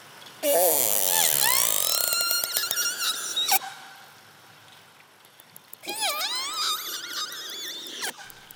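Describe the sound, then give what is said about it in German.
Two loud bursts of shrill, high-pitched squeals from animals hunting salmon, each a tangle of rising and falling whistles lasting a few seconds, separated by a brief quieter pause with a low background hiss. “Okay, diese hohen Quietscher, was war das für eine Information?”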